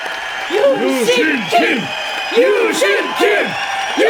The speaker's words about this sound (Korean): 유신 김! 환호를 받으며 복귀하는 김유신.